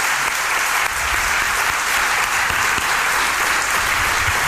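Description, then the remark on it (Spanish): A large audience applauds steadily in a hall of the Alcázar in Seville, a dense, continuous wash of clapping that stays loud and even for several seconds with no voices standing out. “Les voy a pedir un aplauso muy grande para todos, para hacerse notar que están ahí.”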